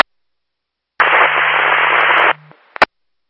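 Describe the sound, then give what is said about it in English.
A loud burst of radio static hisses for about a second and a half over a low hum, then cuts off, followed by a couple of sharp clicks. “I'm copying the static.”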